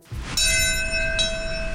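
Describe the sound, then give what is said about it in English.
The Bell of Hope, a large bell, is struck twice at 8:46 a.m. at New York City's 9/11 Memorial Ceremony, its deep metallic tone ringing and sustaining between strikes over a low outdoor background rumble, with no talking. “The Bell of Hope ringing out at 8:46 a.m. this morning at New York City's 9/11 Memorial Ceremony.”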